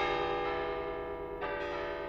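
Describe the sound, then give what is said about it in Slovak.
Four church bells ring together in a full, dense festive peal on a major feast day, called the plenum, their overlapping tones sustained and loud with fresh strikes layering over lingering resonance, no voices present. “Spoločný slávnostný spev štyroch zvonov sa nazýval plénum, čo znamená plný zvuk.”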